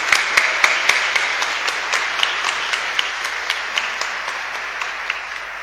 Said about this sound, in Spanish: Le damos un aplauso a estos niños y niñas.